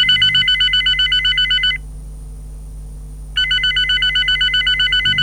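A telephone rings during a call in two bursts of rapid trilling tones separated by a pause of silence, loud, with no talking.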